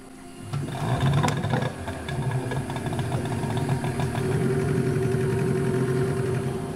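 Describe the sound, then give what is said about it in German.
A boat's motor drones steadily, a continuous mid-pitched rumble with a rapid mechanical chatter running through it for the whole stretch, with no voices, as the boat travels the winding waterways along the Rio Magdalena Medio in Colombia. “Wir fahren durch die verschlungenen Wasserwege entlang des Rio Magdalena Medio, einer der Lebensadern Kolumbiens.”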